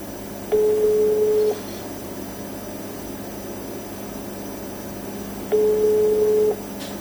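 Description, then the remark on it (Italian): A phone call placed at 9:35 on 16 August rings unanswered: two one-second ringback tones at a steady mid pitch, spaced about five seconds apart, over a low constant hum with no voices. “Non risponde.”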